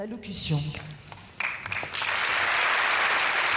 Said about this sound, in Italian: Termina con un applauso il momento di introduzione musicale che abbiamo potuto seguire. Vediamo anche i reali di Monaco applaudire e il Papa si unisce agli applausi.